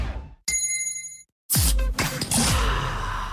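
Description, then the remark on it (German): A gong on Radio Gong marking a hydration break is struck once, ringing with bright, shimmering metallic overtones for under a second before cutting off abruptly. A burst of dense, noisy sound follows. “Der Gong.”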